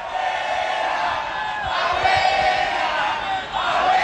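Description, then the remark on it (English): A large crowd during the World Cup chants 'abuela, abuela' (grandmother in Spanish) and cheers at an old woman on her porch after putting a Panama scarf on her. Many voices shout together in a loud, continuous roar with rising and falling swells of repeated yelling. “What they're yelling at her is abuela, abuela, abuela, which means grandmother in Spanish.”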